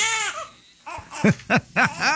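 A crying sound effect: a drawn-out wail followed by a series of short, rising-and-falling sobbing bursts in quick succession, close and fairly loud with no talking.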